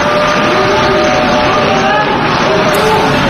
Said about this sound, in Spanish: Parte de las delegaciones han empezado a abandonar la sala. Se mezclaban las protestas y los aplausos de otras delegaciones que han decidido permanecer y apoyar al primer ministro israelí.